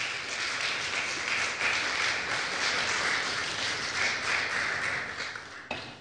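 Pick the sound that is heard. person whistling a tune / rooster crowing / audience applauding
audience applauding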